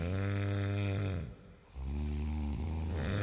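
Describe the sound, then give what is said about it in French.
Loud, rasping snoring from a sleeping man: two long, low, rumbling snores with a short quiet breath between them, and no other sounds. “L'instant d'après, il dormait à point fermé. Chut, écoutez, les gros tracteurs Renault arrivent.”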